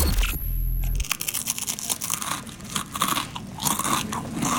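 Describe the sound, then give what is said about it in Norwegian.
A colleague crunches crispbread with loud, dense, irregular chewing bites that continue for several seconds, preceded by a brief moment of low humming noise. “Kollegaen din litt for glad I knekkebrød?”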